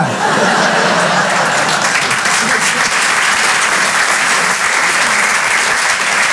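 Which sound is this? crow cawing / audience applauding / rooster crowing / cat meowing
audience applauding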